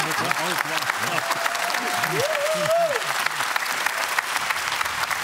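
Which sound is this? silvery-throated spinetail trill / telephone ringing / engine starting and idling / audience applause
audience applause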